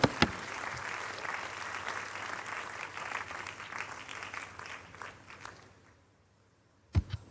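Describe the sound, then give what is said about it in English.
An audience claps for Jesus in sustained, dense applause that fades out near the end, followed by a couple of sharp knocks or thumps. “Clap some more for Jesus.”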